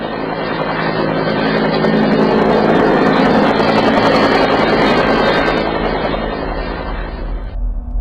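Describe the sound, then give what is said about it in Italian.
Police helicopters flying over the city, a loud, steady rotor and engine roar that fills the whole clip before dropping off sharply near the end, with no voices. “La città è blindata ormai da giorni, sopra la città volano gli elicotteri della polizia.”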